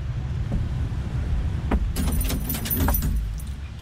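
Keys jingle and clink for a couple of seconds as a door is unlocked, with sharp metallic clicks of the lock being worked, over a steady low background rumble. No one speaks.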